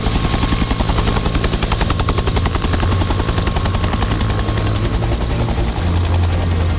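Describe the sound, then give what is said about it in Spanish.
A firefighting helicopter flying about 15 metres from flames amid smoke, its rotor beating in a rapid, steady chop that stays loud and unbroken throughout, with a dense engine roar underneath and no voices. “están escuchando un helicóptero a 15 metros de unas llamas, con el humo borrando el horizonte, con unos segundos para decidir dónde descargar miles de litros de agua.”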